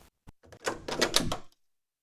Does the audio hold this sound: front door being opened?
yes